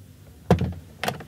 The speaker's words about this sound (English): I closed the door quietly and moved to the bed.